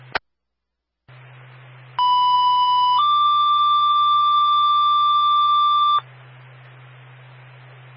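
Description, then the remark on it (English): A loud, steady two-tone Springfield dispatch alert, timed at 2331, over a low radio hum: a one-second tone, then a slightly higher tone held for about three seconds, followed by a brief click and static. “Time your tone, 2331.”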